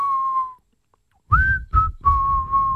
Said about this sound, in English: What is that we're whistling here?